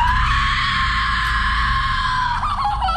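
A loud, piercing Hollywood horror-film scream from actress Jenna Ortega, held steadily for a couple of seconds before it cracks and trails off at the end, with no talking.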